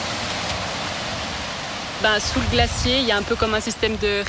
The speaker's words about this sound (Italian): in particolare il corso d'acqua che sgorga dall'uscita del ghiacciaio, beh, tutta quest'acqua è esclusivamente il ghiacciaio che si sta sciogliendo. Tutta l'acqua che vediamo è tutta l'acqua del ghiacciaio, tutto il glacier che è in train de fondre.